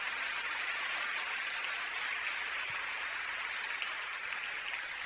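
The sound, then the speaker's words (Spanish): A church audience applauds after a Bible reading, a dense, steady wash of many hands clapping together that holds at an even level for several seconds with no voices. “Dele un fuerte aplauso a la palabra de Dios.”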